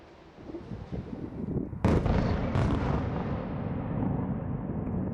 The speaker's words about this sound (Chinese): 之后，基辅市响起防空警报及多次强烈爆炸声